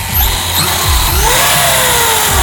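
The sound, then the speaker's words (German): A remote-controlled model car's small, high-pitched engine whines and revs continuously, its pitch sliding up and down as it accelerates, loud, with no voices; a club car in Dorf Tirol that easily reaches 60 to 70 km/h. “RC Cars, also ferngesteuerte Autos.”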